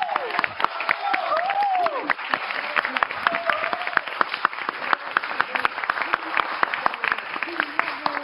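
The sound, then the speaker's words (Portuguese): Sustained audience applause for an artist who brought his art to celebrate the day, a dense steady wash of many hands clapping for several seconds, with a few voices cheering and calling out over it. “Uma salva de palmas”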